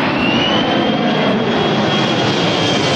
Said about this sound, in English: The C-17 Globemaster in all its glory. We're used to watching it thunder over Brisbane from below.